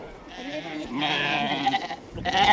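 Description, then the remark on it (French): Ewes with suckling lambs bleat in a loud, overlapping chorus, several quavering calls running together, with a fresh burst of bleating near the end. “Et voilà, des brebis qui ont des agneaux qui têtent, et il faut qu'elles mangent, quoi.”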